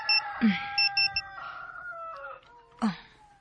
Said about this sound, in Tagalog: Makamata ko sa alarm sa cellphone ni Christiana.